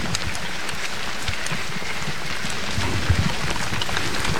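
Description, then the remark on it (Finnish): Steady rain patters down at an orienteering control point as runners arrive, a dense, hissing wash with scattered drop ticks and low thumps, growing slightly heavier toward the end; no one speaks. “Ja sadekin alkoi tässä vielä kiihtyä.”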